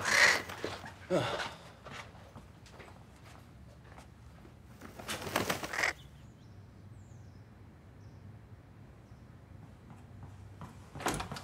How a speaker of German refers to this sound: Das ist eine Krähe.